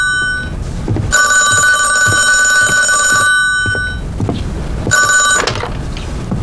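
A telephone bell rings loudly in two bursts, a long ring of about two seconds followed after a pause by a shorter one, with faint thumps and background noise between.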